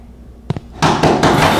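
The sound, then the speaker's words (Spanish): Someone pounds heavily on a door: two quick knocks, then a series of loud, booming blows, each strike ringing out with a rattling thud. “¡Abre la puerta! ¡Abre la puerta, malnacido!”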